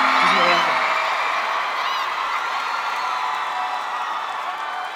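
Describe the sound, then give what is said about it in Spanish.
A crowd applauds and cheers steadily for several seconds, a dense wash of clapping mixed with shouts and whoops that fades slightly toward the end. “un aplauso por favor”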